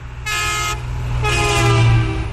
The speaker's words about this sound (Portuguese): E vários ouvintes já pediram aqui o buzinaço do caminhão. Acordem! E tem mais um.